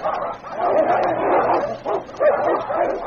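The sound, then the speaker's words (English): Two great dogs fighting, a dense, continuous tangle of snarls and growls broken by sharp barks and high yelps, loud and frantic for the whole stretch with no one talking. “Time and again, the two great dogs came to grips, then rolling over and over, each seeking the other's throat.”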